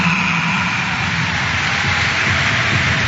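A large stadium crowd applauds steadily as Sporting's number 17, Salazar, is substituted off with about 25 minutes to play. A dense, even wash of clapping holds at the same loudness for about three seconds with no voices on top.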